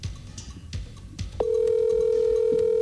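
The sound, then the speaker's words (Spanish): A few soft clicks and rustles, then a steady electronic phone tone starts and holds at an even, fairly loud level through the end, as a normal phone call (not WhatsApp) rings through on the line. “Llámela por llamada normal, no por WhatsApp. Por llamada normal.”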